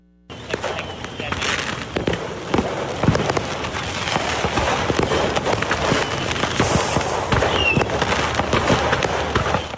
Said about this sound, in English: Drivers in southern Tennessee retreated to an early 4th of July show this weekend when a truck packed with fireworks burst into flames. This was along I-75 near Chattanooga.